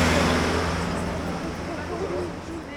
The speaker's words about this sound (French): On est sur la place Bretagne à Nantes, vraiment dans le centre-ville. Là on entend le tramway qui passe.